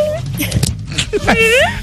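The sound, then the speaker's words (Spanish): A person vocally imitates a dog, making short yelping sounds that end in a drawn-out, wavering whine, with faint background noise. “¿cómo hace un perro?”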